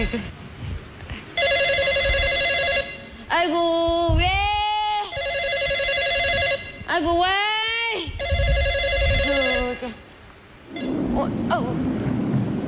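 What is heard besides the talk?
telephone ringing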